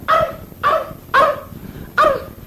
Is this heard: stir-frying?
no